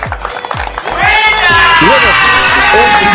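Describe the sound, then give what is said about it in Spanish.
An audience breaks into loud, sustained applause for a cooperative at its prize draw after about a second, the clapping swelling into a dense wash with cheering voices and shouts mixed in, lively. “Quiero pedirles un fuerte aplauso por la cooperativa San Martín de Porres.”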